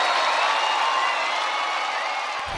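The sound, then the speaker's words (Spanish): Sustained audience applause fills the space, a dense wash of many hands clapping with scattered cheers, steady and loud throughout before a slight dip near the end. “Fuerte el aplauso para esta noche maravillosa.”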